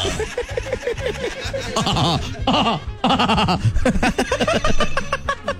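A loud donkey bray rings out, a string of harsh, wheezing hee-haw cycles repeating rhythmically for several seconds with no talking over it.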